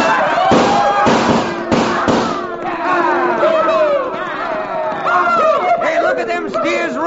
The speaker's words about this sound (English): We lined up the herds about 8 abreast, packed close enough to just fill the pass so there'd be no turning back. And then, with one wild whoop and the echoing roar of 6 guns, we started those cattle toward the barricade at a dead run.